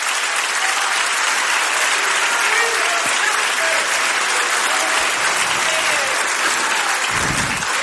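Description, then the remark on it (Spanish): An audience at a church service applauds steadily, a dense, continuous wash of clapping hands at an even loudness throughout, with a few faint voices and cheers rising within it. “Dale un aplauso ya que lo quiere hacer.”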